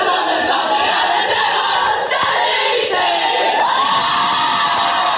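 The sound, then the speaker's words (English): A near-capacity crowd at a men's football match roars continuously, with cheers and individual shouts rising out of the dense, loud wall of voices for the whole stretch. “Meantime, the men's match saw a narrow defeat for the Devils in front of a near-capacity crowd, clocking a five-point loss to the Hawks.”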